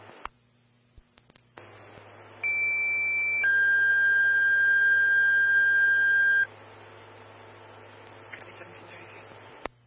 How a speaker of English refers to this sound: 2, stand by 4 tones on an alarm.